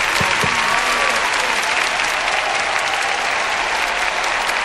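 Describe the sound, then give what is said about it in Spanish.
Steady applause from a crowd, a dense wash of clapping that stays loud and even for the whole stretch, with no voices standing out. “aplauso.”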